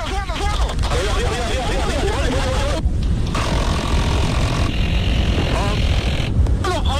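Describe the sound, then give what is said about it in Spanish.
A police helicopter's rotor and engine roar steadily and loudly throughout, a constant drone, while voices talk over it in bursts, like radio chatter from inside the aircraft, during a police operation and a nearly three-hour shootout in which criminals hit the helicopter several times. “Durante el enfrentamiento, que duró casi 3 horas, los delincuentes impactaron en varias oportunidades un helicóptero de la policía al mando de una capitán de la institución.”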